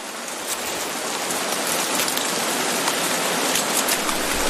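Heavy rain from a storm pours down steadily over the jungle of Costa Rica in a dense, loud hiss, with countless drops pattering on leaves and surfaces and no voices or other sounds breaking through.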